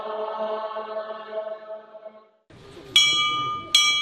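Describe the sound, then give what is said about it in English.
A low, droning voice fades out, then a clear monastery bell is struck twice in close succession, each bright, shimmering ring sustaining over quiet rustling, inside the esoteric college of Tashilhunpo Monastery, a Tibetan Buddhist monastery, signaling the start of scripture recitation. “Inside the esoteric college, a clear bell signals the start of scripture recitation.”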